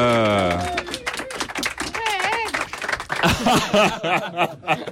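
A crowd claps steadily for several seconds, the applause mixed with whoops, laughter and excited vocal cheers rising and falling over the clapping.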